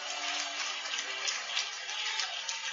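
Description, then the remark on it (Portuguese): A church audience applauds steadily, many hands clapping together into a dense, hissing wash of sound that holds at an even level from start to finish, with no voices over it. “Palmas e glória a Deus, igreja!”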